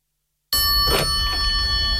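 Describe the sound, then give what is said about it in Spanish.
After a brief silence, a telephone starts ringing with a loud, steady metallic tone that sustains to the end, over a faint low rumble. No one speaks. “Por fin suena el teléfono.”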